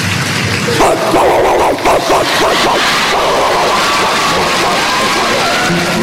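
A dog barks several times in a quick cluster near the start, fairly loud, over a constant noisy background that carries on after the barking stops.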